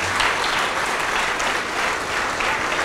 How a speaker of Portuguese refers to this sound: Saia do teu lugar e venha aqui para frente, por favor. E vamos aplaudir ao Senhor Jesus por cada vida que está chegando.